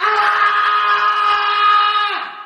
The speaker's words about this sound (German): Fatzer schreit in der Nacht.